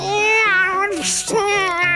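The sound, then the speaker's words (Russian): A cat meows loud in two long, wavering yowls, broken in the middle by a brief breathy, hissing burst, as it tries to hunt a crow behind a closed kitchen window. “Рыжик, что на тебя нашло? Так далеко дело зашло. Я кот-охотник”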